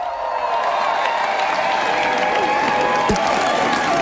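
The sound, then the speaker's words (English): A large crowd of supporters cheers and applauds Mr. Starmer after his landslide general election victory, a steady, dense wash of clapping and voices that stays loud and unbroken for the whole stretch. “Thank you so much for that reception. What an amazing reception.”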